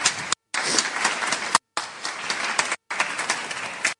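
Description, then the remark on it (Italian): A crowd applauds loudly and steadily to welcome Linda Laura Sabbadini, dense clapping broken by a few abrupt silent gaps as if cut. No one speaks. “Quindi accogliamo con grande applauso Linda Laura Sabbadini.”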